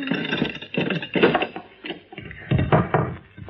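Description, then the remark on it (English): A wooden trap door is hauled open with a run of loud, groaning creaks and knocks in uneven bursts, ending in a heavier creak and thud. “Open the trap door”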